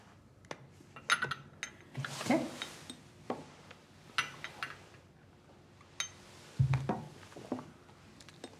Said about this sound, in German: Darf ich Ihnen ein Gläschen von meinem selbstgemachten Eierlikör einschenken?